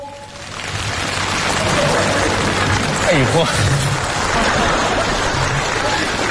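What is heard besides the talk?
audience applause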